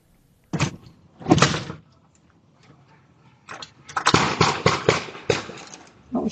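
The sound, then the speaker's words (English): Gunshots from a nearby intersection in Biddeford, Maine, around 7:17 in the morning, recorded by a resident's doorbell camera: two separate sharp bangs, a pause, then a rapid, uneven volley of loud cracks that keeps going to the end. No one speaks. “The gunshots are heard in a video captured by her doorbell camera.”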